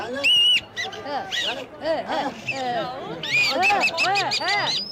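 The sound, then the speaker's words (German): A person imitates birdsong, producing a busy, continuous stream of loud warbling chirps and rising-and-falling whistled trills, with brief pauses but no speech. “Ein Vogelgesang besteht aus einem Ton und drei Buchstaben.”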